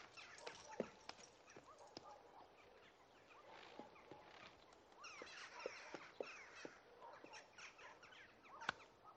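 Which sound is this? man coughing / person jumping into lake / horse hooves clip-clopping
horse hooves clip-clopping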